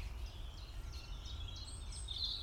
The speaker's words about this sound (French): Rouge-gorge là.